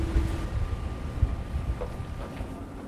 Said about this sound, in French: Le bateau qui peu à peu prend de la vitesse, on le sent, et qui se prépare à décoller. Là, le bateau a décollé.